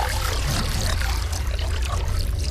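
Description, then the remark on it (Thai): A large amount of water, trapped in the rock layers for thousands of years, seeps and pours steadily out of rock at the bottom of a dug well, a continuous splashing rush with a deep low rumble, holding an even, fairly loud level throughout with no voices. “น้ำปริมาณมากไหลซึมออกมาจากหิน”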